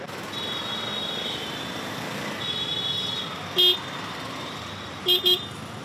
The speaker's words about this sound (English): The rickshaws weaving through Delhi's traffic are one of the most recognisable sights and sounds in India's capital.